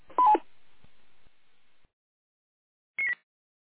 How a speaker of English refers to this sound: I'm actually on mobile right now, but don't know why I'm getting the Roger beep. I'll have to go through the menus and disable that. Usually I have it disabled.